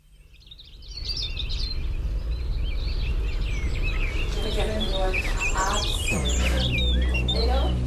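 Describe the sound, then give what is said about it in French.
A birdsong sound effect for a Victor Hugo poem: several birds chirp and sing in quick, overlapping calls over a steady low rumble of outdoor ambience, filling the scene continuously from start to finish. “Qui dit été dit bruit d'éclaboussements et chants d'oiseaux.”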